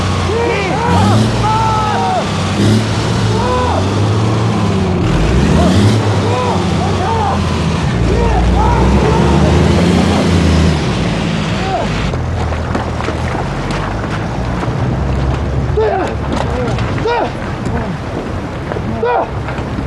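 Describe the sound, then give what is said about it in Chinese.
A heavy truck engine rumbles and strains continuously just after the truck has been dug out, its deep drone shifting in pitch, while wind buffets the microphone and voices call out over the noise. “卡车太沉了，刚扒出来， 一整天十公里不足。”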